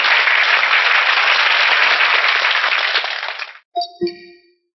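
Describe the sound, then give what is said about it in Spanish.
Dense, steady applause from an audience at a Gnostic movement gathering, applauding three magazines approved as publicity organs of the international Gnostic movement, fills the first three and a half seconds, then fades out; a couple of bright metallic dings ring out briefly afterward. “Un aplauso para estas tres revistas.”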